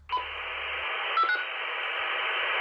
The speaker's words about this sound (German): Wir funken unsere Nachbarn über das Radio an, um zu hören, ob es allen gut geht.